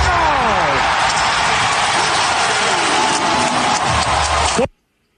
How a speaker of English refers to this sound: Go! Hear that crowd? Pretty loud, huh?